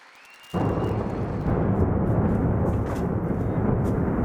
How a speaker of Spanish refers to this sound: Esta era la explosión y la posterior bola de fuego que generaba un ataque ruso en el centro de Kiev.